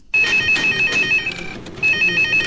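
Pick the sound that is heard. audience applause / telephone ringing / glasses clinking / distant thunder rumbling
telephone ringing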